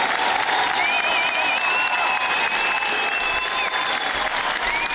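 A crowd applauds loudly and steadily for the whole stretch, a dense wash of clapping with a thin high whistle running through it.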